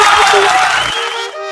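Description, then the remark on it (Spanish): A loud crowd of voices from the Guadalupana neighborhood shouts its cheer together, dense and energetic, then trails into a single held, ringing tone near the end. “Efectivamente, así es como se grita”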